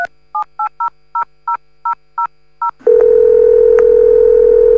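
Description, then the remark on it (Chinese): Eight quick, evenly spaced touch-tone beeps as a phone number is dialed for a call from a Pishan Farm judicial office, then a steady, unbroken telephone tone that continues over faint line hiss. No one speaks. “哦，好，情况我知道了，我先打个电话 啊。”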